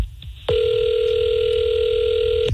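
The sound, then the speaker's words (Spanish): A steady telephone dial tone starts abruptly after a brief low rumble and holds at a constant pitch for about two seconds, then cuts off. No one speaks. “No, yo nomás estoy diciendo que me tiene paro de marcarle y ya de que le pregunte que quién es, a ver qué lo más.”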